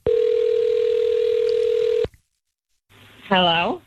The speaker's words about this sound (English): I would like you to dial up the homeowner. This is now a client of Cody's. And what's his name?